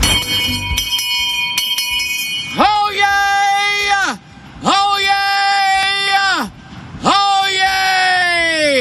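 A person lets out three long, powerful screams, each held steadily for over a second before breaking off, loud, after a short stretch of faint ringing tones. It is a recording of a scream measured at nearly 122.5 decibels, played back at reduced volume.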